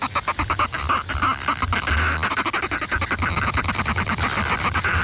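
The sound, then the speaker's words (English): Fulmars cackle at a breeding colony, a dense chorus of rapid, harsh, throaty chattering calls that overlap continuously and stay loud throughout, with no voices. “And while breeding colonies tend to be dominated by birds of one color over another, fulmars readily form mixed morph pairs.”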